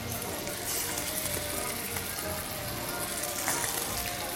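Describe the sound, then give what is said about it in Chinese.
A steady, crackling sizzle of chicken frying in a little oil in a hot pan, the pan-frying step of a Cantonese pan-fry-then-bake dish, fills the whole stretch, dense with a faint hiss that never lets up, with no voices. “是的，你看现在热了啊，我们就给它把这个鸡放进去。”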